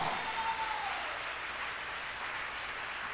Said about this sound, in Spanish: Bendito sea el Señor. Vamos a aplaudirle a Dios por eso.